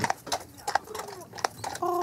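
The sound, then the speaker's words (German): Horse hooves clip-clop in a loose, uneven rhythm of sharp knocks against a murmuring background, on an island with almost no car traffic, ending as a steady, buzzing tone rises beneath them. “Sondern dass man, wenn man morgens aufwacht, das Pferdegetrappel hört.”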